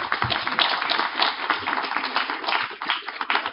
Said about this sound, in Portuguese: E agora, uma salva de palmas pro Renato, por favor.